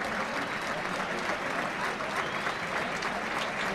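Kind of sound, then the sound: crowd, audience ovation applause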